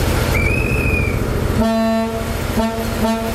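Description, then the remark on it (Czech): The historic Delfín diesel train set on a sightseeing ride on Czech tracks sounds two toots, a long steady blast followed by a shorter one, loud and harmonically rich over a continuous rumbling engine and rail noise. “Historickou dieslovou soupravu Delfín můžete na českých kolejích potkat až do neděle, kdy se z Prahy bude vracet přes Liberec do Německa.”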